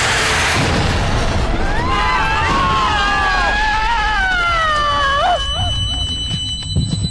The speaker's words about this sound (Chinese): 巨大的声响跟爆炸力道把马哥跟小欧弹飞，两个人眼前一黑，昏了过去。